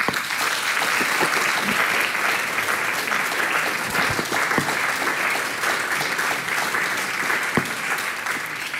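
At a jubilee of the Folk Slovenija society, an audience applauds the society's president steadily for the full length: a dense, even wash of many hands clapping at constant loudness, with no voices rising above it.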